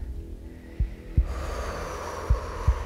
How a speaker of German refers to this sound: Kannst du mal gerade atmen? Ja. Guck mal, dein Atem geht gar nicht tief, der geht bis hier.